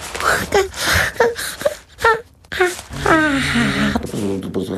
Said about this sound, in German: Der kleine König gähnt.